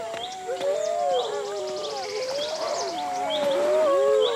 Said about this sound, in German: Graham beobachtet durch sein Fernglas ein Rudel Wölfe, das langsam näher kommt.